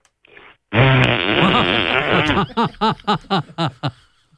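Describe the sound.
A loud, drawn-out fart sound made by a voice blowing a wet raspberry, lasting nearly two seconds, followed by a quick run of rhythmic, chuckling bursts.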